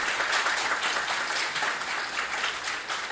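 A crowd applauds steadily, with dense overlapping hand claps forming a continuous, fairly loud wash of noise for the full three seconds, no voices over it.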